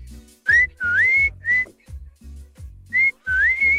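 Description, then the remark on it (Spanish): A loud human whistle signal, the neighborhood's own whistle call: short sharp notes and long rising slides in a set call pattern, repeated twice with a brief pause, no talking. “Ahí te va un chiflido.”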